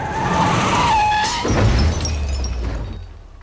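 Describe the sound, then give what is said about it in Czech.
Car tires screech in a loud, wavering squeal for over a second, then a car crash hits with a low thud and scattered breaking debris that rattles before fading out, damaging a light and a fender. “Pozor, auto!”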